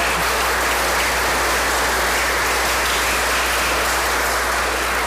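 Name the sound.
audience applause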